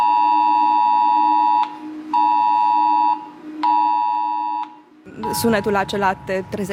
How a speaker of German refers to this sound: Es ist das Video, das über den Luftalarm informiert. Dieser Alarm kommt, genau wie beim Cell-Broadcasting, auf den Smartphones der Menschen in der Gegend an. Und der Alarm klingt so.